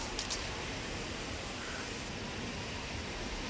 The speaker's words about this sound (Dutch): Ik hoor niks. Nee. Nee. Beetje wind. Ja, geen vogel, geen dino, geen... Ja, ik hoor niet eens insecten.